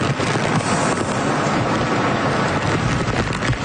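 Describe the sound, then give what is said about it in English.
Strong winds of a powerful tropical storm, downgraded from typhoon, battering southwest Japan roar loudly and steadily, a dense rushing noise buffeting with no letup and no voices. “And finally, Southwest Japan is being battered by a powerful storm.”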